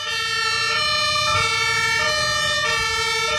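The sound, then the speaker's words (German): Loud emergency vehicle sirens of fire brigade, police and Johanniter vehicles wail continuously, alternating in a steady two-tone pattern over a low rumble of engine noise, with no one speaking, during an emergency demonstration on the ADAC driver training grounds in Laatzen near Hannover, Germany. “Diese Geräusche sind genau die, die man im Verkehr nicht hören möchte, denn sie heißen nichts Gutes.”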